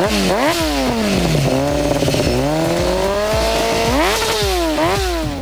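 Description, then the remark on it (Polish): A loud motorcycle engine revs up and down repeatedly, its pitch climbing and dropping in rapid surges, continuous throughout with no talking. “No ale przede wszystkim na pewno będzie dużo tego, co wszyscy fani motocykli kochają najbardziej.”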